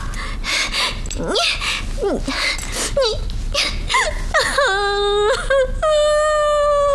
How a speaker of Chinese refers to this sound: 哎，你哭什么呀？啊？你别哭啊，有话说呀。不许哭。不许哭。我求求你，我求求你别哭行不行啊？咱有话好好说好不好？